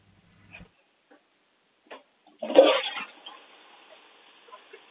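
A few faint clicks, then a 6-year-old girl's toilet flushes, shown for a children's sound game, with a sudden gushing rush of water that eases into a steady, hissing refill. Fairly quiet, with no voices.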